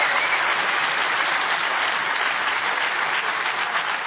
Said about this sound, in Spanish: Y si tú lo crees, dale el mejor aplauso de este viernes al Rey de Reyes.